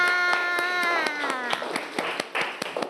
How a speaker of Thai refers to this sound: ปรบมือให้กับเพื่อนๆค่ะ